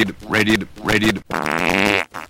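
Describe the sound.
A voice imitates a South American farting frog, with two croaky, sputtering bursts followed by a longer buzzing, flapping raspberry, loud with no other sounds.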